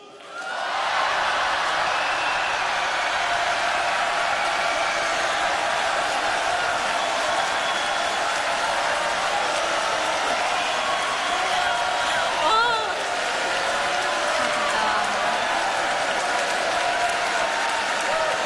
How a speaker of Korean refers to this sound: 하나님을 사랑하는, 대한민국을 사랑하는 여수 진남실내체육관에서 모이신 여러분들 함성과 박수!